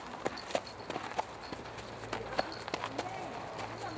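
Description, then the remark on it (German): Hooves of racehorses walking at a steady, uneven clip-clop as several are led up to the racecourse hours before a race at the Harzburger Rennverein meeting, with faint background voices and a low rumble underneath. “Da führen sie die immer hoch dazu, zur Rennbahn nachher.”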